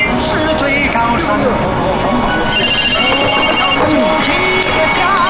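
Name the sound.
phone ringing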